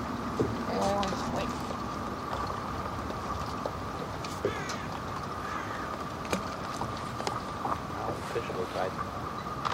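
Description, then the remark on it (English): A boat engine drones steadily, with wind and water noise around it and faint, muffled voices now and then; the engine keeps running throughout. “Stop the engine.”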